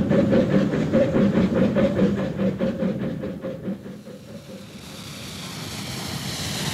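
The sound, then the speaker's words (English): A moving train rumbles steadily, its rail cars giving a rhythmic clickety-clack for several seconds before the beat fades into a broad, hissing roar of motion. No one speaks. “Even as I grasped the handle of the door and wrenched it open, the train lurched, flinging me forward.”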